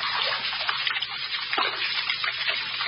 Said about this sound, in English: Running water. Running this way. I wonder why.